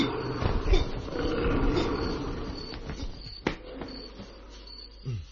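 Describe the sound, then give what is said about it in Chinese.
A tiger that has been shot in both eyes roars with a deep, rough rumble that fills the first few seconds, then fades into quieter growls, broken by a sharp knock and a short rising cry near the end. “唉，相信暂时唔会被老虎伤害嘅。”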